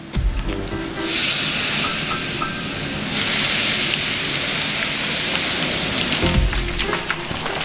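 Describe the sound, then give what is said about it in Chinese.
A steady, dense sizzle of fish bones pan-frying until golden brown in a hot pan, loud, with the hiss swelling partway through and a few clanks of a utensil near the end. No one speaks. “鱼骨煎至焦黄，搭配陈皮熬汤，米粒破碎，鱼汤充分包裹浸润。”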